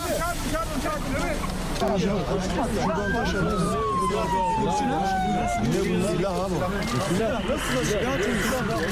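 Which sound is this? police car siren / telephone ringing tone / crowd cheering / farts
police car siren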